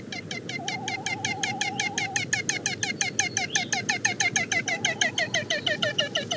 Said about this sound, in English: The best place to hear their vocalizations are on their breeding grounds, where the males attempt to attract females by blowing up a brilliant orange balloon-like pouch below their bills and uttering a hoarse cackle when the female comes near.